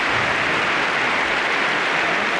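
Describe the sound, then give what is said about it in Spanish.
A huge stadium crowd of some 70,000 Atlético fans applauds a player in a steady, dense roar of clapping that stays loud and unbroken throughout, with no voices standing out above it. “70.000 tíos que están aquí hoy aplaudiendo y que te van a aplaudir mucho más.”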